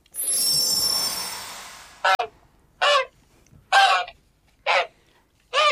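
A shimmering, hissing swell fades out, then a goose honks five times in a steady rhythm, loud, with no voices.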